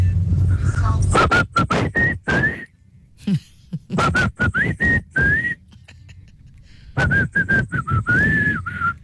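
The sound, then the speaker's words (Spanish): A Mexican parent whistles a melodic calling tune to call their child, in three bursts, each a series of sharp rising and falling notes, loud, separated by brief pauses with some clattering noise. “Papá que se respeta, mamá que se respeta, mexicano, te habla con un chiflido cuando te pierde de vista.”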